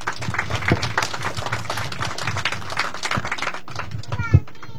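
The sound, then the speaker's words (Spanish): A crowd applauds steadily at a groundbreaking ceremony for urban mobility works on a city's local roads, many hands clapping in a dense, continuous patter at moderate loudness, with a few sharper claps standing out and faint voices mixed in. “fuertes palmas para él, por favor.”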